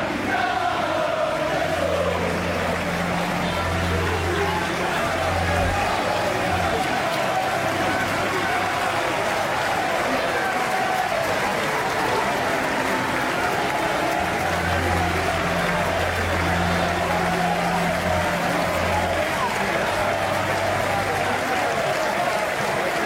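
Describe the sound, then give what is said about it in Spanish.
Hundreds of fans gathered outside applaud continuously while groups of voices rise into rhythmic chants in two stretches, bidding farewell to an AC Milan legend; the clapping forms a dense, steady roar throughout. “Afuera, cientos de aficionados esperaban para despedir a la leyenda con cánticos y aplausos.”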